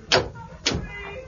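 A door opens: two solid clunks about half a second apart, like a latch and handle, followed by a faint, drawn-out creak. No one speaks.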